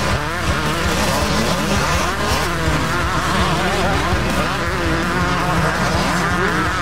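Loud racing motorcycle engines at the Fast Fridays Motorcycle Speedway roar continuously on the track, their pitch whining up and down as they rev hard and sweep past, with a dense mechanical buzz filling the whole stretch.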